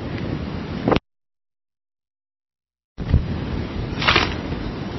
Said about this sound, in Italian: Sì, sì, c'è un po' di vento.